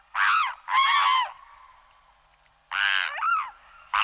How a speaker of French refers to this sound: Ensuite, je passe à un oiseau, un anatidé, un cousin des canards, c'est le cygne tuberculé.